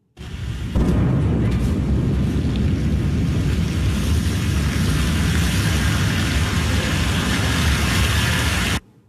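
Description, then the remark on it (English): A Blue Origin New Glenn rocket explodes in a fireball during a late-night launch pad test in the US, shaking nearby homes: a sudden blast kicks off a loud, continuous, low-heavy roar and rumble lasting several seconds before cutting off abruptly. No one speaks. “A Blue Origin rocket has exploded in a fireball during a late-night US launch pad test, shaking nearby homes.”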